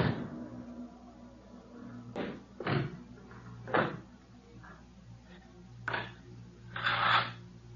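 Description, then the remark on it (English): A locked door is forced open: a series of heavy, irregular thuds and bangs over a steady low hum, ending in a longer, louder crashing burst. “This door's locked. Who's in there? Open this door.”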